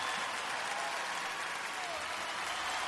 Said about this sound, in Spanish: ¿Cuánto le pueden dar un fuerte aplauso al Señor?